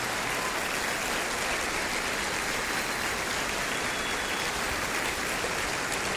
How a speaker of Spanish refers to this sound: Ah, si va a aplaudir, aplauda bien.